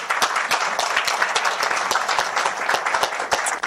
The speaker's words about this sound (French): Merci pour tout le travail qui est fait depuis 24 ans, puis je pense que ça mérite une bonne main d'applaudissements.